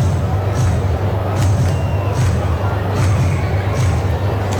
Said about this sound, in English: Sold-out crowd got a little juice to it now after the Kemp homer ties the game.